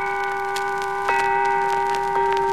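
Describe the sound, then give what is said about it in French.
A pendulum clock ticks with sharp, slightly uneven clicks over a steady humming drone; later ticks come a little louder and more spaced out as it slows to a stop, with no voices present. “Jusqu'à la pendule qui s'endort.”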